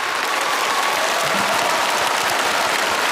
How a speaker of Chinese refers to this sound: 我觉得不能厚此薄彼，优秀男演员奖的提名奖已经揭晓，也同样让我们现场响起热情的掌声，为所有提名的优秀男演员们鼓掌。